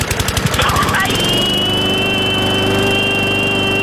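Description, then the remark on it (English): A voice saying a long drawn-out bye at the end of a phone message, sounding like a lawnmower: quick sputtering pulses for about a second, then a long, steady, buzzy drone held loud until the end, with no other sounds. “you left us a message, and at the end of it, you said bye, and it was so long that, you know, I started to realize that it sounded to me a little bit like a lawnmower.”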